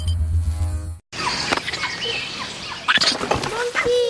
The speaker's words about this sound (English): My ring. The monkey stole my ring.